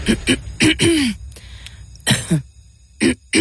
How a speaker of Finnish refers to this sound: Hei, älä suotta köhi.